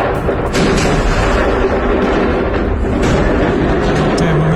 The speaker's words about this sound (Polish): Do serii wybuchów doszło przed 7 rano czasu lokalnego w okolicach tłumnie odwiedzanej przez turystów zatoki Salina Bay. Świadkowie mówią o słupie dymu i ogromnym huku słyszanym niemal na całej wyspie.